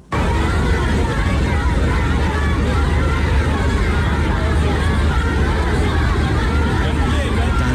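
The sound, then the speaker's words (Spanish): Hundreds of schoolchildren in China, jumping and waving United States and Chinese flags to honor President Trump and Xi, cheer and shout in a dense, unbroken roar of many overlapping voices, holding a steady, loud level with no single voice standing out. “Filas de cientos de niños estudiantes de colegio que representan la juventud de China, quienes brincando y ondeando banderas de Estados Unidos y China rindieron honores a ambos líderes.”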